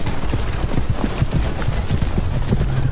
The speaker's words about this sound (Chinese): 蒙古骑兵以迅猛的速度向南推进